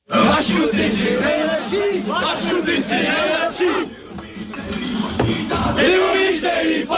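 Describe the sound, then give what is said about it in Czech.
A dense crowd of voices shouts and chants together in celebration of the Czech ice hockey team's first world championship title, won in Vienna in 1996; the chant is aimed at the team masseur, and prime minister Václav Klaus danced to it. Loud and sustained, with overlapping cheers rising and falling in a rough rhythmic pattern. “Oslavy, během kterých si tehdejší premiér Václav Klaus zatančil na pokřik, který ale mířil na maséra”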